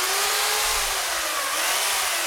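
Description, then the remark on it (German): A chainsaw runs steadily and loudly, its engine whining with a wavering pitch, as a sculptor in full protective gear cuts through a thick linden tree trunk in her workshop in Grazhofen. No voices. “Mit der Kettensäge schneidet die Bildhauerin einen Lindenbaum in voller Montur.”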